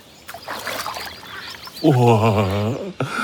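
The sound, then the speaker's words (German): Splashing and sloshing of cool water as someone steps in to go for a swim, followed by a long, wavering vocal exclamation and a brief final splash. “Vielleicht im Wasser? Ob ich mich auch hineinwage?”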